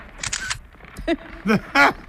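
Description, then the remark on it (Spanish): A camera shutter clicks once near the start with a crisp mechanical snap as a selfie is taken, followed by a few short voiced sounds. “¡Hazte un selfie conmigo!”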